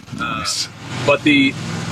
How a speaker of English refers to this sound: 1 second, I got a truck going by. Oh, look at that. There you go.